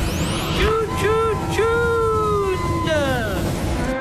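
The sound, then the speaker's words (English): Steady road traffic rumble fills the scene, with engines droning and wavering tonal whines like a siren or horn rising and falling over the continuous, fairly loud street noise. “Why is there so much traffic? Always traffic.”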